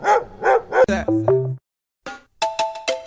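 A dog barks three times in quick succession, a two-tone doorbell chime rings, and after a short pause the dog breaks into another run of loud barks and yips.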